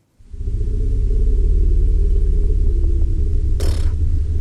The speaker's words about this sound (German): Das klingt wie aus dem Weltall, das klingt nicht nach Elefant, oder? Ja, aber das ist das Rumblen von einem Elefantenbullen. Nur hören wir eben nur einen ganz kleinen Teil von diesem Rumblen, wie die Forscher sagen, nur die ganz hohen Frequenzen.